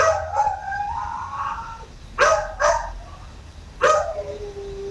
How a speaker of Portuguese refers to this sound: Gravaram, viu? Gravaram seu cachorro gunindo à noite, olha. Olha o sofrimento desse cachorro. Olha o sofrimento desse animal.